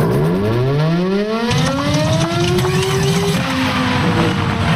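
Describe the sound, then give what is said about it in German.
A civil defense siren winds up with a loud rising wail over a heavy mechanical rumble, then its pitch sags and wavers as if the siren is faltering. No one speaks. “Mensch, kaum läuft die Sirene mal, gibt sie direkt den Geist auf.”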